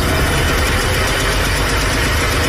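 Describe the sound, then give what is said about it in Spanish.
An East German small car's engine idles, a loud, steady, buzzy rattle with a fast low throb running underneath, and no voices. “que algunos califican como el peor auto del mundo, pero que en todo caso prodigó para los alemanes del este una sensación de libertad, movimiento y esperanza, a pesar de parecer una motocicleta grande por la fuerza de su motor.”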